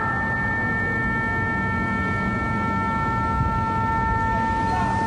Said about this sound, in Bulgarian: В отговор Иран отново атакува американски бази в Бахрейн и Йордания. В Бахрейн са били активирани сирените за въздушна тревога.